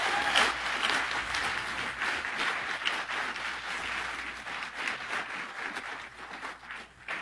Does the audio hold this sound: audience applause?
yes